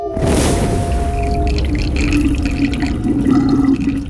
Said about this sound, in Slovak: Počuješ more? Počuješ rozbúrené more? Nie som hluchá, počujem more.